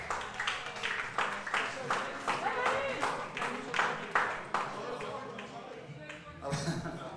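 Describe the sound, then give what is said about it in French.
At a concert between songs, an audience claps steadily for several seconds for the band member in the red cap, the claps falling in a loose, fairly regular rhythm. The applause is moderate in volume, with a faint murmur of voices beneath. “Tonnerre d'applaudissements quand même pour la casquette rouge”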